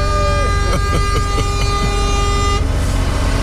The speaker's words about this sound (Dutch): Gewoon die toeter even 30 seconden inhouden.